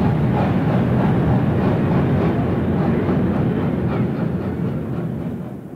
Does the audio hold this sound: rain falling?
no